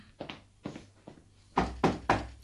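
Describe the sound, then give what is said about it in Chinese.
An aunt knocks on a door: a few soft raps, then three louder, firmer knocks in quick succession, with no talking. “我系阿姨啊，开门先啦”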